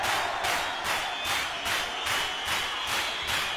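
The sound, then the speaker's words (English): A crowd held in a sealed, surrounded building claps in unison on command, about nine loud synchronized claps in a steady rhythm, each a broad burst of noise, with a faint background murmur. “Now clap your hands.”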